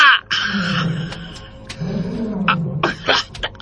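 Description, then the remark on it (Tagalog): A big tiger roars loud, two long, deep rumbling growls separated by short raspy snorts and huffs, with no one speaking. “Dakong tigre! Hay! Dakong tigre!”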